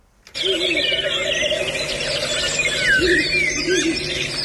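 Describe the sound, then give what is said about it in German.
A Ural owl calls amid a dense, continuous wash of chirping and squealing bird sounds. The scene starts abruptly and stays fairly loud and busy throughout. “Also da hört man einen Habichtskauz und die Reporter und Reporterinnen sind ja ganz entzückt, ne?”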